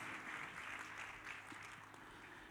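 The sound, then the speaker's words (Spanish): Steady crowd applause given to God for actors who have just performed, a dense wash of many hands clapping at an even, moderate volume that holds throughout without pause or voices. “Démosle un aplauso a Dios a estos actores, por favor.”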